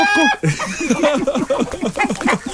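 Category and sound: animal, hen clucking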